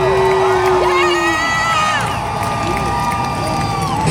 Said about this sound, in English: You hear some cheers. You hear some booing.